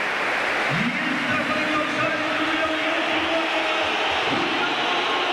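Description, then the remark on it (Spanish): A stadium crowd ovation at the Metropolitano as Jonathan David is substituted off: a loud, dense, unbroken roar of many voices. A long sustained tone swells in early and holds, and another rises near the end. “Esta es la ovación del Metropolitano.”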